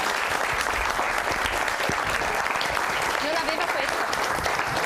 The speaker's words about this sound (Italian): E anche un applauso, è stata così brava.